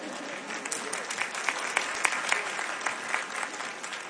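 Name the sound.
audience clapping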